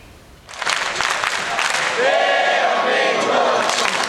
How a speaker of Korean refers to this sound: 관중석에 모인 천여 명이 태극전사들에게 열띤 응원을 보냅니다. 선수들의 몸놀림 하나하나 숨죽여 지켜보고 슈팅이 막히거나 골문을 벗어날 때면 여기저기서 탄식이 나옵니다.